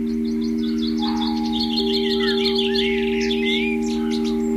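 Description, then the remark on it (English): Several small garden birds chirp and twitter busily and continuously at a bird table with food put out, recorded by a small microphone placed on top of the table, their quick overlapping calls running over a steady low hum in the background. “So I ran outside, frightened them off, put some more food down, but put my little microphone on top of the bird table and then ran back indoors, set it recording.”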